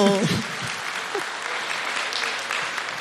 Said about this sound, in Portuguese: Vamos aplaudir esse menino lindo.